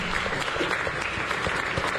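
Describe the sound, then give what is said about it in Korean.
A large crowd claps steadily and continuously, a dense wash of many hands applauding together with no pauses, at a moderate, even loudness, welcoming teachers of the kindergarten, elementary and youth departments. “우리 좀 뜨거운 박수로 환영합시다.”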